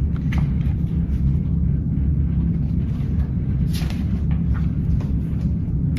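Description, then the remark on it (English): A heavy, steady low rumble of a freight train moving on as piggyback cars carrying truck trailers, box cars carrying furniture and tank cars carrying oil roll past, with occasional metallic clanks and rattles breaking through the continuous roar. “The train moves on. Piggyback cars carry truck trailers. Box cars and tank cars go by.”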